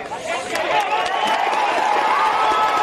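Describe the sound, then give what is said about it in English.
A crowd of volunteer rescuers and first responders cheers and shouts together at night at a collapsed building in Pereira, after a brief silence to listen for signs of life: a loud, sustained swell of many voices with scattered claps breaking through. “In Pereira, a brief moment of silence to listen for signs of life, and then cheers.”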